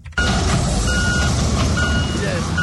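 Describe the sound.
Excavators and other earth-moving equipment rumble steadily at a collapsed building site in Aveno, Accra, as emergency responders search piles of concrete and twisted metal after rains; a dense low engine drone, faint high tonal beeps and indistinct voices mix into the continuous noise.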